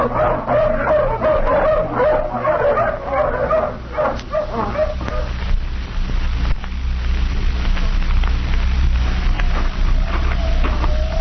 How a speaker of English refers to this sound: All ready, men? All right, let the hounds off the leash.